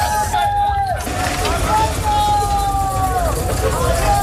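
Heavy army trucks rumble and drone as they pull away at night, full of immigrants being taken to the Tarajal border in Ceuta. Their low engine noise is steady, while a crowd's hubbub and scattered shouts rise over the traffic.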